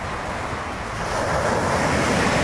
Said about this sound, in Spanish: ¿Cómo le caería un ruidito de las olas? Así nomás. Visualícese.